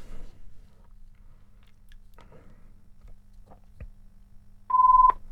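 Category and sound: signal or alarm, telephone ringing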